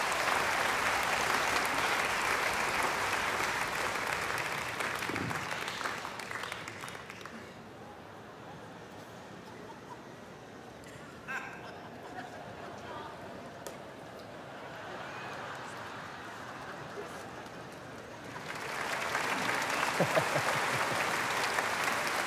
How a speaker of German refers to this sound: 800 Kilo, geben Sie mal einen Applaus.